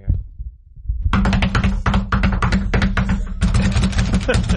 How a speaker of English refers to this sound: That's somebody cramming and slapping their knuckles onto their desk. Oh. Like a drum beat. Yeah, like drumming on everything.